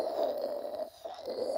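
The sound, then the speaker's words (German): A stovetop moka pot (screw-together coffee pot) gurgles and sputters steadily with a hissing, bubbling tone as the hot water is pushed up through the coffee grounds, dipping briefly before the bubbling resumes. No one speaks. “Sie kennen bestimmt das klassische Schraubkannensystem. Wenn das Wasser heiß genug ist und durch das Pulver hochgedrückt wird, dann hört sich das so an.”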